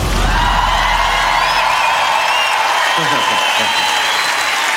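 A large concert crowd in Berlin claps and cheers steadily, a loud wash of applause with shouts and whistles rising above it, sustained without pause throughout.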